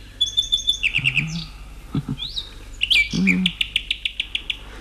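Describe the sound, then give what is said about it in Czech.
A nightingale sings in varied phrases: rapid trills, whistled notes and quick repeated chirps, with a few low warbling sounds in between and no talking. “Ať tedy zpívá. Zpívej, jak nejlíp dovedeš, Slavíku.”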